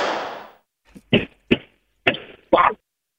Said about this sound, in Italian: Guardi, facciamo in questa maniera, provi a togliersi le scarpe e a batterle molto forte suola contro suola.